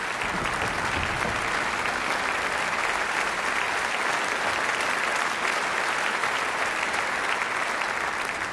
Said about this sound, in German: Ja, Applaus.